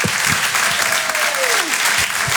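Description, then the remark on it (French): The audience at the Rire et Chanson Comedy Club claps loudly and steadily to welcome comedian PV, dense applause mixed with cheers, and a single rising then falling whistle cuts through the noise partway through. “Faites un maximum de bruit et encouragez s'il vous plaît PV sur Rire et Chanson.”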